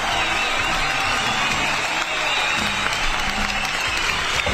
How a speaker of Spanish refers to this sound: Saludando a todos nuestros auditores y auditoras, usted que está en la sintonía hasta ahora junto a nosotros, le damos un cariñoso saludo, un cariñoso aplauso para todos nuestros auditores y auditoras.